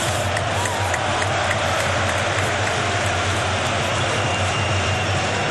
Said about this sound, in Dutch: Het regent nog altijd pijpenstelen in Jan Breydel, maar dat kan de mensen niet deren. Zelfs niet die ongelukkigen die daar nog altijd in die onoverdekte hoeken moeten zitten.